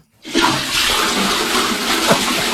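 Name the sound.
toilet flushing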